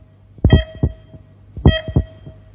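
Two deep, thumping heartbeats, each a quick double thud, spaced about a second apart, loud over a faint steady hum: a produced heartbeat sound effect used as the time signal on Radio Chersonisos 972, marking 8 o'clock.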